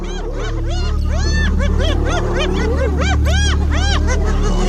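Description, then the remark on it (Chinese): A chaotic fight between a lion and a pack of spotted hyenas: many overlapping yelps, whoops and cackling giggles rise and fall continuously, loud and frantic, over a low rumbling background. “这只狮子可能是先抢走了斑鬣狗的猎物，而现在寡不敌众。”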